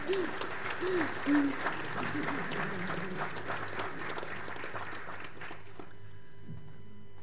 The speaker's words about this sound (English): So if I can get everyone to give a round of applause.